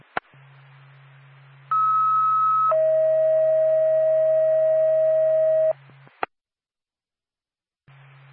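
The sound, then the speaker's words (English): An ambulance dispatch alert tone for Whitefield Ambulance: a loud, steady higher-pitched tone for about a second, then a lower tone held for about three seconds, over a low radio hum and framed by sharp clicks. “Far back to Whitefield Ambulance, standby for tone.”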